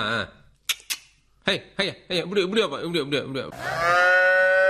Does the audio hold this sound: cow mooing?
yes